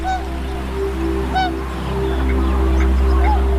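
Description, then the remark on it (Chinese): Tundra swans on Wuliangsuhai Lake, the largest freshwater lake wetland in the Yellow River basin, give a handful of short, bugling honks at irregular intervals in early spring as the ice melts, during a migration stopover before flying on to Siberia, some louder and others fainter, over a steady low droning background. “对小天鹅和其他候鸟来说，水面开阔、食物充足的乌梁素海是旅途中难得的驿站。”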